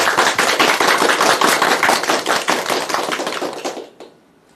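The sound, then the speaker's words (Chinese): An audience applauds to welcome a professor who is about to give a demonstration recitation of the Ballad of Mulan, with dense, steady clapping that holds strong for about four seconds, then fades quickly into near silence, with no voices over it. “我们掌声欢迎。”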